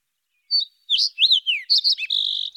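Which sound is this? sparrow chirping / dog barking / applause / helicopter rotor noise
sparrow chirping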